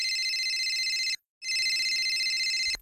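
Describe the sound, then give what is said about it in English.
A telephone rings twice in quick succession, a bright electronic trill with a short pause between bursts, loud with no voices, as the Australian prime minister calls the president about submarines. “Well, the subs still hadn't shown up, so the current PM thought he'd better call the current president”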